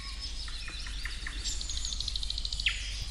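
A Eurasian nuthatch calls at Siikalahti in Parikkala with a run of short, high, piping notes repeated in quick succession, clear over a steady low background rumble.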